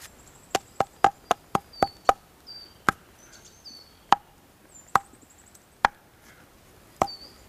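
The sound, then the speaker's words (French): About a dozen sharp, hollow knocks on a tree trunk thickly covered in lichen and moss, in a forest with pine needles underfoot, a quick burst at first and then spaced out irregularly, while faint, thin bird chirps sound in the background. “La sonorité du tronc, les oiseaux épars qui gazouillent.”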